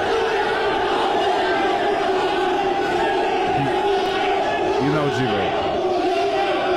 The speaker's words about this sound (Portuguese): Isso aí é uma gritaria. Só faltou o casco do cavalo. O pessoal do Remo tá gritando com ele, ele tá gritando de volta pros caras.